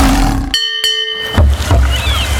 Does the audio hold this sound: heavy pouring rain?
no